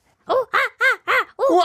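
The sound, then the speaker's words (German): A person imitates a monkey call with five loud, rapid hooting yelps, each voiced burst arching up and down in pitch, delivered in a quick steady rhythm with no talking. “Gib mir mal dein bestes Affengeräusch.”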